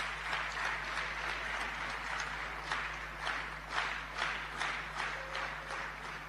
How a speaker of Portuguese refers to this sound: Também peço uma salva de palmas.